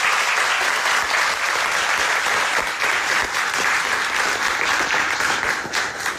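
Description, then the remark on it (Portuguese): Sustained audience applause for a military band, a dense, steady wash of many hands clapping at full volume for about six seconds, with no voices rising above it. “Pedirão uma salva de palmas para a nossa banda aqui.”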